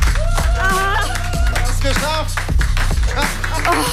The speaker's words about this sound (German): Oh, und großen Applaus